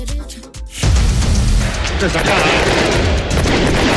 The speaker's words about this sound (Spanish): Son efectos. Son efectos, son de verdad los fuegos artificiales ahora, ¿eh?